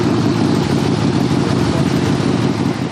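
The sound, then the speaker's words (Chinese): A motorcycle engine, recently fitted with a new German part, idles steadily, a continuous low rumble with an even throb that holds at a constant, fairly loud level throughout, with no voices. “这我一辆摩托车，刚换了个德国零件。”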